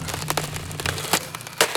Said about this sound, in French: Mais aujourd'hui, il est très fâché. Il a pris un marteau pour taper. Un marteau énorme et lourd, lourd. Et dans le mur, ça fait... Boum, boum, boum, boum.